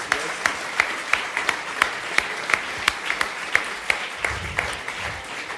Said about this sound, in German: Also das ist ein riesen Applaus, bitte.